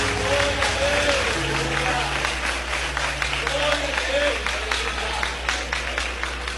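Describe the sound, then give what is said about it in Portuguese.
A church audience applauds the Lord Jesus in a dense, steady wash of clapping that lasts the whole stretch, loud, with voices and a few held tones rising through the crowd noise. “Aplauda o Senhor Jesus.”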